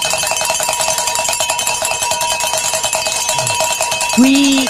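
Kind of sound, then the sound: signal or alarm, bells ringing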